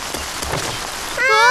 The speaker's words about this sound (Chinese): 下雨了